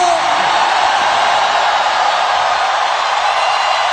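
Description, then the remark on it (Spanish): A loud, sustained roar of a crowd shouting in jubilation, a dense wash of voices that holds steady for the whole stretch without pausing. “¿Alguien tiene fuerzas para dar un grito de júbilo?”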